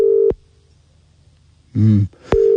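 Telephone ringback tone of an outgoing call to a man, made to see if he is awake: a steady buzzing tone cuts off, a pause follows with a brief low vocal noise, then the tone starts again, clear.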